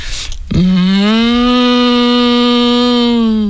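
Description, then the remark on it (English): A person imitates cows chatting amongst themselves out in the sun in a field, with one long, steady, low lowing call, held for about three seconds after a brief breathy intake. Loud, with no other sounds around it. “You know, when you're walking along and they're out in the sun in the field and they're just kind of chatting amongst themselves, like kind of like.”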